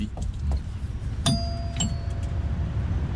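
A visitor rings the doorbell of a teacher's home. The two-tone doorbell chimes once, a bright ding followed by a lower dong that rings out and fades, heard over a steady low rumble of street traffic.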